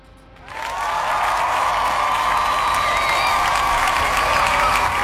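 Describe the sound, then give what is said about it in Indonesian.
An audience bursts into applause for a voting result after a brief quiet start. Loud sustained clapping mixes with cheers and whoops and holds steady to the end. “Memang kalian ya, ada 60% suara. Kita kasih tepuk tangan ya.”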